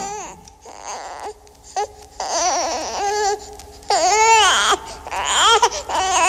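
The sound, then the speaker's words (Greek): A baby cries in a series of loud, wavering wails with brief gaps between them, growing more intense toward the end, with no talking. “Νάνι μωρό μου, νάνι παιδί μου, τι έφτασες σήμερα. Αχ, πάλι δεν θα κοιμηθώ απόψε.”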